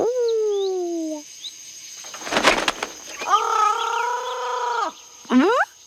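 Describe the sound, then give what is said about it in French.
Loud parrot calls: a drawn-out squawk, a brief flurry like flapping wings, then a longer screeching call and a short final squawk, with no talking. “Et il y a des perroquets.”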